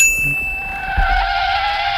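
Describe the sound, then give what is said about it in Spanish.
A bright, bell-like lightbulb ding signalling an idea rings out after a sudden braking, sustaining for about two seconds, ringing steadily with a soft noisy hiss underneath and a low thump near the middle. “¿A qué viene ese frenazo? Oh, he frenado porque, como bien habrá escuchado, ha sonado una bombilla y eso significa que me se ha ocurrido una idea.”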